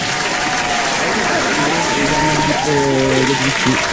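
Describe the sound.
Steady, loud applause from a crowd fills the whole stretch, with a voice talking over the clapping partway through.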